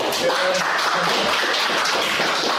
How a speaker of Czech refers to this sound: On i kouč si tak po příchodu na tiskovou konferenci užívali potlesk od přítomných novinářů.